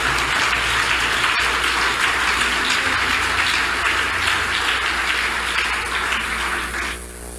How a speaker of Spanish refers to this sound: ¿Le puede dar un aplauso a Jesús con todo el corazón?